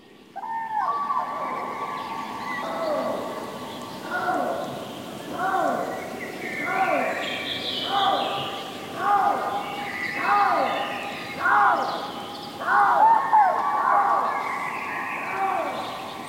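A crane and a lynx call together at night in the Siggefora area outside Uppsala: loud, harmonic wailing cries repeat in a steady rhythm about every second or two, rising and falling in pitch over a faint background hiss. No one speaks.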